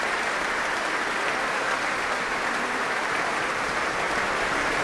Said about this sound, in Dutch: Applaus ook van de muzici van het orkest voor deze twee zangeressen.